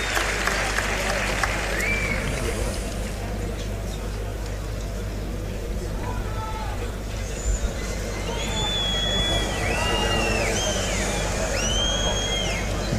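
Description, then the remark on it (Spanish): A bullfight crowd applauds steadily and densely for the whole stretch, a continuous crackling wash of clapping, with several shrill, rising whistles cutting through in the second half. “Ahora sí, aplauden.”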